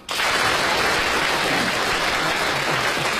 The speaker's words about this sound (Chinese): 好，请大家鼓掌。